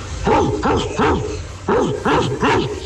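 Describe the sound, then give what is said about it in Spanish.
A person imitates a barking Rottweiler with two quick bursts of three deep, gruff barks each, loud, separated by a short pause. “Oye, el Rob Wilder le salió igualito.”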